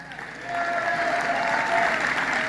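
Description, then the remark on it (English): A crowd at a political speech applauds in a quick clapping poll for the promise of no tax on tips, the clapping swelling after a brief quieter start into a dense, sustained wash of hands with a few whistles riding over it. “If you had your choice of only having one, clap for the one you like best.”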